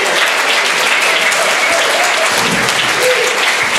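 Steady, dense audience applause from a crowd at a reading stage (Lesebühne) in the Glätthaus in Cottbus after a poem, loud and sustained throughout, with many hands clapping at once and no talking over it.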